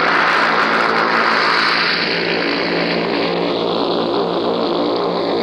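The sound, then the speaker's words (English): A loud, steady drone of paratroop plane engines on D-Day, from a newsreel, fills the sky, a dense rumbling roar with a constant hum that slowly shifts in tone as the planes circle the aerodrome before taking their course, with no voices. “The sky now is full of the noise of these paratroop planes as they circle the aerodrome before they take their course.”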